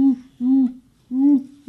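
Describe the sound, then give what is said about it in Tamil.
A person imitates an owl with a series of steady, low hoots, three clear drawn-out calls spaced apart and a fourth just beginning, fairly loud with no other sounds. A school student is performing bird and animal mimicry. “இது எனக்கு தெரியுமே, ஆந்தை.”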